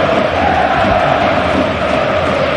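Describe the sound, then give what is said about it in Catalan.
A huge football crowd at Camp Nou roars and chants continuously in honour of FC Barcelona goalscorer Robert Lewandowski, a dense wall of massed voices with a steady sung tone running through it, loud and unbroken throughout. “Canta el Camp Nou en honor al seu killer, al seu nou, al seu golejador de la Reconquesta.”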